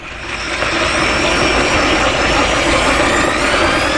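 A loud motorized drill runs steadily, its engine droning with a broad, gritty roar and a faint whine riding on top, holding an even level throughout without pauses or voices.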